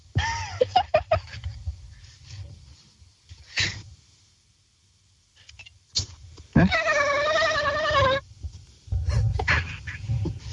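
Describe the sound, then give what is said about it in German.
A person imitates a dolphin with a high, wavering squeal that warbles for about a second and a half, preceded by a few shorter squeaky chirps and breathy snorts. “Okay, du hast ungefähr 3 Sekunden Zeit, um dir einen Delfin zu überlegen, wie der klingt.”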